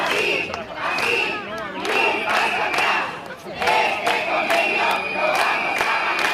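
A crowd of hundreds of people occupying a roadway at a strike protest over a sector's collective agreement chants the slogan "este convenio lo vamos a ganar" in loud unison, voices rising and falling in repeated rhythmic phrases, with a shrill whistle cutting through steadily over the roar of the protest.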